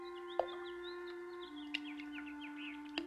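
Small birds twitter and chirp busily as they play in a fish pond at sunset, with a few sharp splashy bursts of flapping in the water over a steady low hum.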